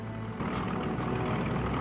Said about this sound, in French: On entend déjà les avions!